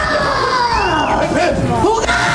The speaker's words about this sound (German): Ja, und jetzt hatten wir sogar 91 Dezibel beim Kreischen.